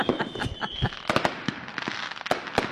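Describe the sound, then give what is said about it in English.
Fireworks celebrating 48 years of self-government in the Northern Territory explode in a dense, crackling barrage, with rapid pops and several sharper bangs going off one after another over a hissy background for a few seconds. “Posh people love fireworks too, Jess.”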